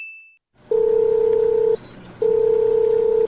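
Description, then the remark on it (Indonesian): A short high beep, then a phone's ringback tone: two long, steady electronic buzzes about a second each with a pause between, clear. The call keeps ringing with no answer and no voices. “Aduh, enggak diangkat.”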